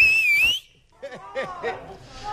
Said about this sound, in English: Okay. Okay, I need your loudest whistle.